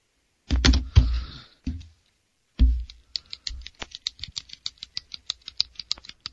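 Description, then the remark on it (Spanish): Fidgeting with a pen: a few louder knocks and scrapes, then a quick, steady run of small mechanical clicks and taps that keeps going, with no one talking. “Que estoy escuchando lo que siempre haces con el bolígrafo.”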